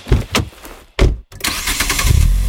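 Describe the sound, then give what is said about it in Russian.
The 238-horsepower engine of a Geely Monjaro cranks in a few quick bursts, pauses briefly, then catches and roars to life, settling into a loud, steady rumble with no one talking. “А мощный двигатель 238 лошадиных сил и полный привод покоряет любую дорогу.”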